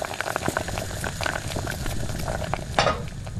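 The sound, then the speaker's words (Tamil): Cabbage curry simmering in a pan on a stove in a kitchen: a steady, dense bubbling and sizzling crackle dotted with small pops, swelling into a brief louder burst near the end, with no voices. “அது வந்து அடுப்புல கோஸ் கறி வச்சிருந்தேனா?”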